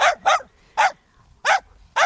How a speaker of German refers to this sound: Ja klar, dann den Hund von meiner Nachbarin, der immer so laut bellt.